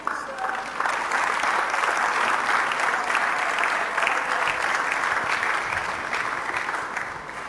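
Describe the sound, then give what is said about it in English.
Sustained applause from an audience thanking a speaker for a teaching session on leverage, a dense wash of clapping that stays steady and loud for several seconds before easing slightly toward the end. “Once again, please, can we put our hands together?”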